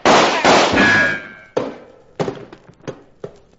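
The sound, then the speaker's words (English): Gunshots ring out with no talking: two loud blasts with ringing tails, then a scattered series of quicker, lighter shots. “watch it! Front shot!”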